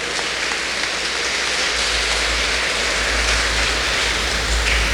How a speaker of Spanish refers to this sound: ¡Que viva la Iglesia! Un fuerte aplauso a toda la iglesia.